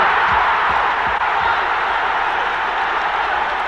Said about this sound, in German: Riesengroß der Jubel der Engländer.